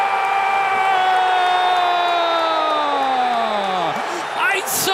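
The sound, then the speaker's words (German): Football fans in Augsburg roar after Greece scores against Germany with a shot from the second row, a dense wall of crowd noise carrying one long sustained shout that slowly slides down in pitch before breaking into scattered cheers. “Wir hören dazu jetzt Stimmen von Fußballfans, von Bundestrainer Jürgen Klopp und natürlich hören wir auch den Torjubel für Griechenland.”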